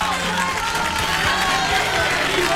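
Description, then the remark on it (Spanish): Steady, dense applause from an audience on the TV show La Biblia y el Calefón, a continuous wash of many hands clapping at once, fairly loud, with a faint crowd murmur mixed in throughout. “Aplausos.”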